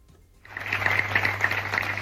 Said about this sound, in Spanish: Son los aplausos de la ciudadanía de San Vicent.